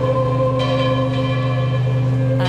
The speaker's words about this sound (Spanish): Olor a incienso, aroma, claveles y rosas, campanas repicando sin cesar y el sonido solemne de himnos cristianos mezclados con el calor de la mañana y el murmullo emocionado de los fieles.